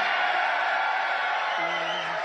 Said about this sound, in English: A little too much cheering there for my level of comfort.